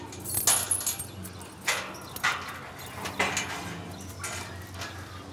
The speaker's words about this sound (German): Und der richtige Schlüssel für das Gatter.